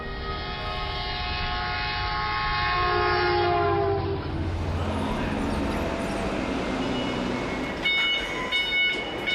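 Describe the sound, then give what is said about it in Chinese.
A train horn blares with a long, steady tone, then a high-speed train on the electrified Longhai railway along the Yellow River in China roars past in a loud, continuous rush of wind and rail noise, ending with brief tonal whines. “走出关中，沿着黄河向东，始建于1904年的陇海铁路，如今已经全面电气化、高速化。黄河上的高铁，连通的不仅仅是中国的西部和中原，更是贯通欧亚的大陆桥。”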